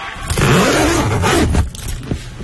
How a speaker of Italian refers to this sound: La cerniera della borsa frigo. Della borsa frigo. Sì. Borsa frigo ci piace di più, però certo, ci piace la borsa frigo che arriva al mare.